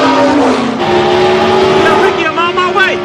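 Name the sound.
race car engine accelerating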